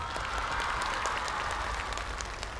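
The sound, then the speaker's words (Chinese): An audience applauds steadily after a vote ends, a dense wash of many hands clapping at an even, sustained loudness with no voices standing out. “投票结束了，掌声给他们，谢谢。”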